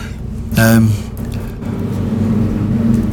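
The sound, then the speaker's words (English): A steady, low engine rumble of planes flying overhead outside a studio fills the whole stretch, holding a fairly even loudness, with a brief sharper, brighter burst of noise early on. “Is that a lot of noise outside, or is that coming through my headphone? That's outside. Yes. Planes flying above.”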